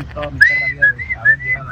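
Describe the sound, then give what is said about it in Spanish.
Someone whistles a short melodic tune, a few sustained, gliding pitched notes in a loose rhythm over low background rumble and faint murmuring. “La que va, la que el silbido va.”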